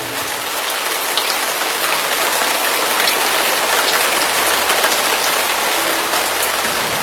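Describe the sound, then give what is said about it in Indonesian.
Heavy rain pours down steadily, a dense, loud hiss of countless drops drumming on surfaces, unbroken for the whole stretch with no voices. “Tiba-tiba waktu warga desa pesta, terus mereka mabuk dengan arak, turun hujan deras.”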